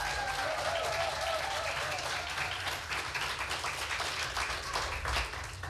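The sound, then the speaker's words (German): A crowd applauds steadily, many hands clapping in a dense, sustained wash of sound with a few faint whoops rising above it, holding loud throughout before easing slightly at the end, welcoming the last competitor of the first preliminary round, a performer from Husum, to the front. “Heißt auch ihn bitte mit einem 10-Punkte-Applaus hier vorne willkommen.”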